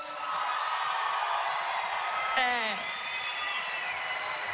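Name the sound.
audience applause and cheering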